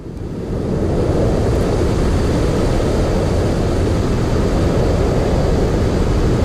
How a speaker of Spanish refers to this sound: Este es uno de los ruidos blancos más frecuentes que encontramos si hacemos una búsqueda en internet o en cualquier plataforma musical como Spotify.